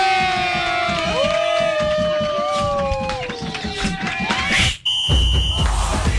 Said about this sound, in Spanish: ¡Al mejor locutor del mundo! ¡Démosle un fuerte aplauso a Jovita Jovanotti!